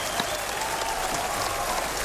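Audience applause on 4ZZZ radio, played for a listener who just subscribed: a dense, steady wash of many hands clapping at an even, fairly loud level throughout, with no talk over it.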